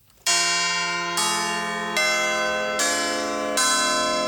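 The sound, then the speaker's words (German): Church bells ring the Salve Regina peal in Heufurt in the Rhön, a peal of overlapping strikes with a new bell tone entering roughly every second over a long sustained hum, loud and resonant with no voices. “Das ist das Salve Regina. Ein Glockengeläut, das in Heufurt in der Rhön künftig regelmäßig zu hören sein wird.”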